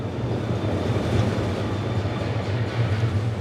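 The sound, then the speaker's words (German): A train arriving at Dongdaegu railway station in the east of Daegu, South Korea, rumbles steadily, a dense, even roar of rail noise with a low droning hum underneath and a faint high whine, no voices, holding constant throughout. “Im Bahnhof Dongdaegu, einer Station im Osten der Stadt, steigen wir aus.”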